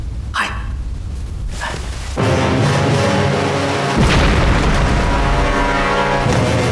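A couple of short sharp bursts, then a loud blast that swells into a sustained roaring rumble, with a second heavier boom partway through, as a cargo ship that left port at Tianjin explodes off the Bohai Sea coast and sinks. No voices.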